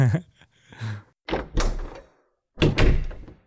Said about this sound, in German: Oder der Reißverschluss, so dieses Reißverschlussgeräusch war. Und das spielen wir jetzt ab.